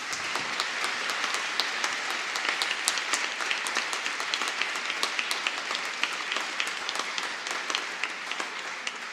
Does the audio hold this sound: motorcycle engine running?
no